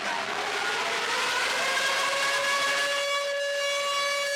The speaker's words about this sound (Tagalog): Pagpatak ng alas 9 ng umaga kanina, tumunog na ang sirena, hudyat ng pagsisimula ng nationwide simultaneous earthquake drill ngayong araw.